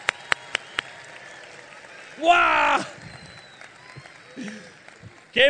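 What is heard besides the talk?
audience applause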